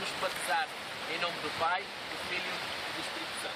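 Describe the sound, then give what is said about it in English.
Steady wash of Atlantic Ocean surf at the shore during a Sunday morning baptism, a constant hiss of breaking water, with a few voices talking faintly over it. “get baptized in the Atlantic Ocean.”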